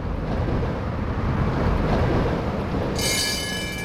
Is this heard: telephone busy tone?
no